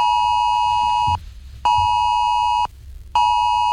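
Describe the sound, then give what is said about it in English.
A loud, harsh emergency alert tone from a phone, a test of Australia's AusAlert emergency system, blares in long pulses, each roughly a second long, separated by brief silent gaps, with no voices. “Drivers are being warned not to touch their phones while the alert goes off while driving.”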